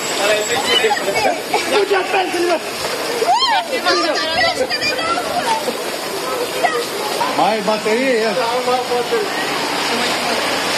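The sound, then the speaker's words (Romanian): Steady rushing and splashing of water on a street flooded by heavy rain where drainage is lacking, loud and continuous, with several people talking and calling out over it. “Dar așa e mereu când plouă? Așa este mereu, da. Când plouă.”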